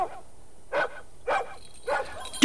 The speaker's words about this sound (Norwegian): Du, nå kjem han, bikkja nå! Der, hvor kommer alle disse bikkene fra da? Gå vekk, ha dere vekk.